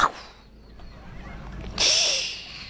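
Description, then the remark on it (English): A voice imitates crashing waves at the beach with a rising breathy rush that bursts into a loud, hissing "shhh" and then trails off, a single surge with no words. “Maybe you could be the crashing of waves, like...”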